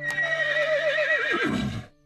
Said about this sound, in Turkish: Ne oldu Hacivat? Ne anlattı beygir?